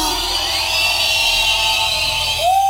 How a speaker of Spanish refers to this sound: ¡Que se escuche un silbido para Jehová!